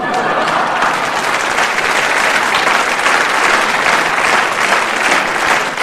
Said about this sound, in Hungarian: Na most, jó van, ne tüntess, csak tapsolj.